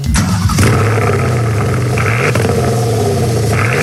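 A Porsche Panamera engine, played from a recording on a phone, revs loudly and continuously, its deep harmonic growl climbing in pitch early on, dipping briefly, then surging again, with no voices over it.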